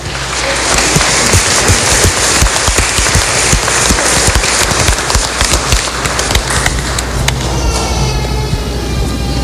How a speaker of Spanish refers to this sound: Vamos a recibirlo dándole un fuerte aplauso.